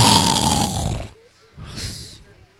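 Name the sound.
person snoring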